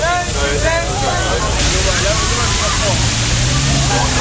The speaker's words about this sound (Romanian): În centrul Berlinului, jandarmii au folosit tunurile cu apă ca să răcorească oamenii.